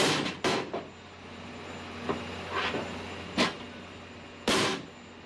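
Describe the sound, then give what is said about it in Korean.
On a fishing boat, a big hammer pounds blocks of frozen anchovies used as bait, breaking them up so conger eels can eat them. About half a dozen sharp, crunching blows come at an uneven pace over a steady low engine hum. “안쪽에선 커다란 망치로 얼어붙은 냉동 멸치를 붕장어들이 먹기 좋게 부숴주는데요.”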